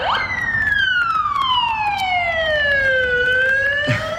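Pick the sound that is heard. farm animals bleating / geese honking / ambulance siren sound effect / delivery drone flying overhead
ambulance siren sound effect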